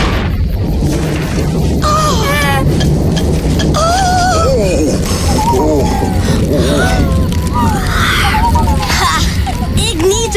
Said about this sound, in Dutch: Tante! Tante! Ik vind die knallen eng. Nou, ik niet, hoor. Oh, dat is onweer. Niets ergs, hoor, lieve Pip. Jeetje, waarom schrikken jullie zo? Ik ben helemaal niet bang voor onweer. Ik vind onweer eigenlijk best wel leuk.